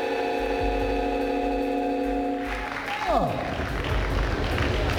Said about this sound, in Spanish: presidente Abelardo de la Espella ya acaba de recibir la banda presidencial de manos del presidente del Senado. Aplauso cerrado en el auditorio USC Arena.